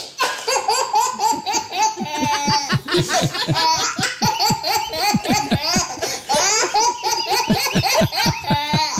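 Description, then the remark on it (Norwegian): A 10-month-old baby boy laughs heartily and continuously for several seconds, breathless squealing giggles in rapid bursts with quick gasps between, loud. “En latter som faktisk er kåret til Norges beste babylatter.”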